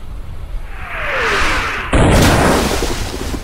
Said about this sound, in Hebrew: מסביבנו שועטות 250 מפלצות ברזל משוריינות, מחליפות מהלומות אימתניות באמצעות תותחיהן הענקים. פגזים נופלים לכל עבר, מרימים סילונים אדירים של מים אל השמיים.